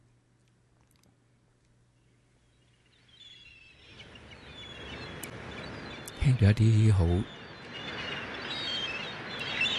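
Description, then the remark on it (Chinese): After a quiet few seconds, a broad wash of ocean waves swells in with high, scattered seagull cries above it, as the opening of a 1982 song, and a voice speaks briefly midway through. “系咪海鸥叫嘅声音，同埋啲海浪嘅声音，好似带俾大家一个好开心要去嘅地方，就系、是、天堂啦。”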